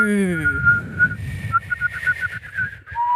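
A person whistles up close: a quick downward slide, then a steady high note broken into short pulses, with breathy air noise underneath and a lower note at the end.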